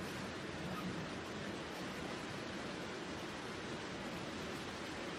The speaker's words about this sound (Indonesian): Alhamdulillah, hujan.